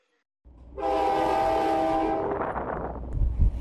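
A train at Andor railway station in China sounds a long, loud horn blast with steady harmonic tones over rumbling rail noise. The horn then fades while the heavy clatter and rumble of the moving train continue.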